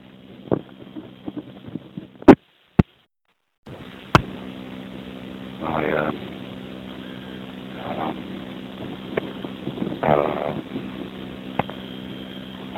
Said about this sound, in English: But, so walking around on a very windy morning, windy afternoon, and I saw that there was sun out.